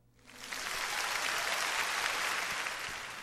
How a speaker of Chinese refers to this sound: 给你最诚挚的祝福，当然要献上最响亮的掌声咯。